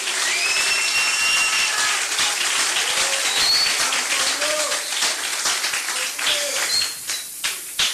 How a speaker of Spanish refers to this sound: den un aplauso al Señor en esta linda noche.